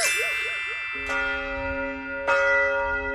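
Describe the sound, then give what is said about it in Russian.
Large church bells of the Trinity Lavra of St. Sergius, a monastery in Russia, ring out, with two distinct strikes about a second apart, each leaving a rich, humming resonance that lingers and overlaps with the fading tones of earlier peals. “Колокола звонят.”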